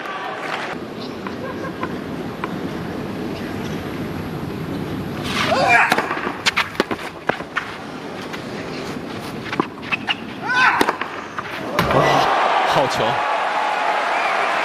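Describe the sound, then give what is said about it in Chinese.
A tennis ball is struck hard in an overhead smash from the baseline in Zverev's attack, in the fourth set at 5-5, with several sharp thwacks of the rally over a steady crowd murmur that swells into cheering near the end. “底线的高压啊，能够压得这么稳，又能把落点控制得这么深。”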